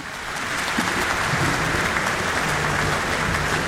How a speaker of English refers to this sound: The applause is welcoming Eckhart Proy, who is now on stage for Symphony No. 6 in A minor, subtitled Tragic, by Gustav Mahler.